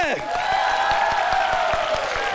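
Dense, steady audience applause for a student performer on stage fills the whole clip at a strong, even level, with a sustained high tonal sound, like music or a held voice, gliding over the clapping.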